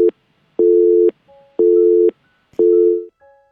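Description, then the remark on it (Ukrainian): A telephone busy signal beeps during a failed attempt to take an incoming phone call on air, in steady, evenly spaced tones, each about half a second long with equal gaps, clear and fairly loud with nothing else over it. “Пробуємо ще раз прийняти телефонний дзвінок до нас.”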